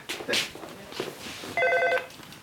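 A telephone rings in one bright, steady burst with evenly spaced harmonic tones lasting about half a second, following a few soft knocks and rustles.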